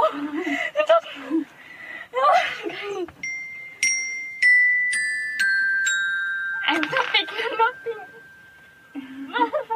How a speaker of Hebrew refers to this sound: או זה שבו ילדה בת 13 שומעת את צלילי הקסילופון וכמעט מתעלפת מרוב התרגשות.